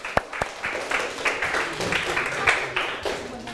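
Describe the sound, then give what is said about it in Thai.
A short burst of applause from a small group clapping for themselves, dense overlapping claps with a couple of sharp louder ones near the start, fairly steady for a few seconds. “ปรบมือให้ตนเอง”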